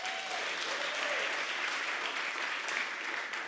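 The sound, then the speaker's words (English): A crowd claps steadily and warmly, welcoming a singer and pianist to the stage, a dense wash of applause that holds at an even, fairly loud level throughout, with a faint whoop or cheer rising briefly near the start. “So we welcome her to the stage with a big round of applause.”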